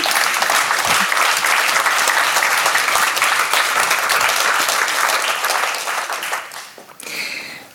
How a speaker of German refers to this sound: und danke euch herzlich für eure wertvolle Arbeit. Applaus für euch.